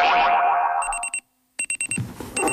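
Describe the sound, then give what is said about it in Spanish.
A sliding boing-like swoop gives way to bright, rapid electronic alarm-clock ringing in short repeated bursts, loud, with a brief silent gap between bursts and no voices. “El despertador.”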